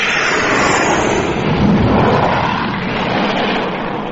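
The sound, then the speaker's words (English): An aircraft roars loudly overhead, a dense, rumbling engine noise that swells to a peak midway through and then begins to ease off slightly, with no voices. “That was Frank going over. And what a racket he kicked up and all.”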